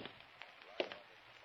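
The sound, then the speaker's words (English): A few faint, evenly spaced footsteps in an alley, heard by someone waiting in a dark doorway, tap against a steady background hiss, with one slightly sharper step near the middle. No one speaks. “Then I heard the steps.”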